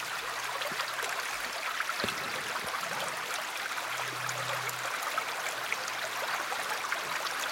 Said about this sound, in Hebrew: אז נתחיל ככה שלנו נעים באיזשהו צילים של מים. בסך הכל אנחנו 70-80% מים, והצילים ככה מעדדים במים הרבה יותר טוב. אז הנה לנו קצת נחל.